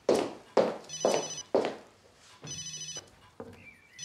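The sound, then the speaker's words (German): A mobile phone rings with a repeating electronic ringtone, several bright tonal bursts in quick succession, clear and fairly loud with no talking over it. “Nein, ist nicht Paul. Mein Handy.”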